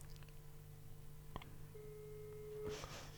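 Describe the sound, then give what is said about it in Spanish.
A single steady telephone ringing tone sounds for about a second over a low background hum as a call to a city councillor goes unanswered. A brief click comes before it and a burst of rustling noise near the end. “Que no puede ser que no haya un concejal que me atienda al teléfono.”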